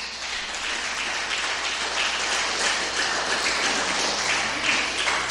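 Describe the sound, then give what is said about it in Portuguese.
A crowd claps steadily and loudly for several seconds in praise of Jesus, a dense, continuous wash of applause with no pauses and no voices standing out. “glória bem forte para Jesus. Aos Romanos 2, pode aplaudir, pode.”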